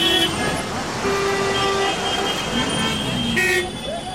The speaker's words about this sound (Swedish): Den infarktartade trafiksituationen framför den stora järnvägsstationen i Indiens huvudstad New Delhi kan vara en bild för att allt inte har gått bra med Nagoya-protokollet.